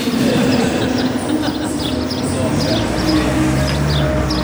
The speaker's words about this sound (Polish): Jesteśmy na Powiślu, tutaj niedaleko szkoła muzyczna. I rzeczywiście ptaszki śpiewają, ale nie tylko ptaszki.